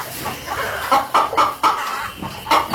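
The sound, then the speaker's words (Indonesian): Several chickens in a yard cluck in short, uneven bursts as they are being lined up, a few sharper squawks rising above a steady murmur of hens. No one speaks. “Bantu saya membariskan ayam-ayam ini ya. Ayam-ayam ini harus diberi pengarahan.”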